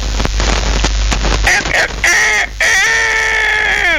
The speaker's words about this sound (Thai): เอาละไก่ขันละนื้อลูกนื้อไก่ขันแล้วฟังกันเป็นประจำทุกวันในเวลาเดียวกันนี้